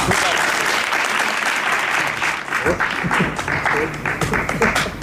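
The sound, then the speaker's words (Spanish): At a theatre awards ceremony, an audience breaks into loud, sustained applause for the participants, a dense wash of many hands clapping steadily throughout, with some faint voices mixed in beneath the clapping. “Enhorabuena a todos los participantes, a los que os lleváis premio en la mano y a los que esta vez no ha podido ser, porque subir al escenario con este nivel, yo creo que bien merece un gran aplauso.”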